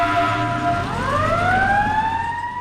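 An emergency vehicle siren, switched on by the driver after a call comes in, wails loudly, its tone sweeping steadily upward over a low engine rumble, with no voices present.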